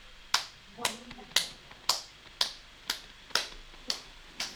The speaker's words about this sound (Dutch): Met z'n allen klappen. Op drie beginnen we te klappen.